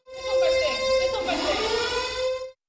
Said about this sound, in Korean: 사건이 발생했다는 붉은 사이렌이 울리고